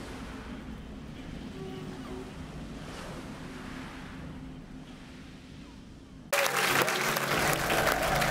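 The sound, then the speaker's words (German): Steady outdoor water noise with soft, periodic sloshing of a rowing boat's oars dipping into the water, then a sudden loud rush of splashing in the final seconds. “Ein Ruderboot? Ja.”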